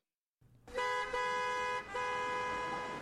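Car horns blare in a steady, overlapping honk over a low rumble of traffic, loud, with a brief dip before the honking resumes and holds to the end.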